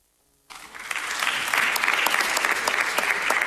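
Applause at a live-streamed event breaks out suddenly after a brief near-silence, building quickly into steady, dense clapping from many hands that holds at a fairly loud level. No one speaks over it.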